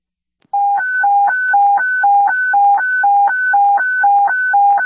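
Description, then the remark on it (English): A loud, steady two-tone fire dispatch alert alternates rapidly between a low and a high pitch in an even hi-lo pattern, sounding alone for several seconds after a brief silence; a general alarm for Engine 5, Engine 2, Engine 6 and IC to a structure fire at 1131 South 20th Street. “This is a general alarm for Engine 5, Engine 2, Engine 6, and IC.”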